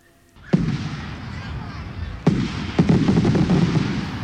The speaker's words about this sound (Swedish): 1900-talet, det nya seklet, välkomnas över hela landet med midnattsmässor. Dånande saluter, fyrverkerier och av människomassor på torg och gator som vill fira inträdet i det 20:e århundradet.